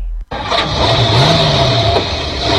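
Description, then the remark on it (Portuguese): The engine of a new car bought at the DS Veículos dealership cranks and catches after a brief pause, then roars loudly and steadily, the revs climbing and settling in a sustained rumble. “Fala, meu nobre, carro novo, hein? Onde você comprou essa máquina?”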